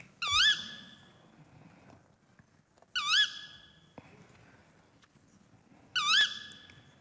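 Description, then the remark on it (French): A tawny owl, a nocturnal bird, calls three times, each a short, shrill, wavering cry spaced about three seconds apart, clear above a quiet, low rumbling background. “Ouais, c'est la hulotte.”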